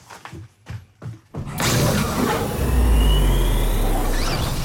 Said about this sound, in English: Oh, it's the spaceship door again, sorry. That's the recording studio door, isn't it?